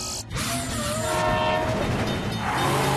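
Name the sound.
train passing with horn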